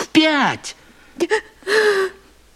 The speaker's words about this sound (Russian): Ну, почему ты плачешь? В чем дело?